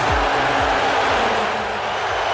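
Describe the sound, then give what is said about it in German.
A large arena crowd at Madison Square Garden in New York, at the New York Knicks versus San Antonio final, lets out a loud, sustained roar of booing at Donald Trump shown on the big video screen, a dense wash of many voices with low droning tones, continuing steadily without letup. “Er wurde ausgebuht.”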